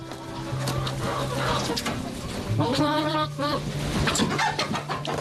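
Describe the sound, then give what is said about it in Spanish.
A hen clucks in a quick run of short, throaty calls, loudest in the middle, over a steady low hum and some faint background noise. “Vive como si fuera una gallina.”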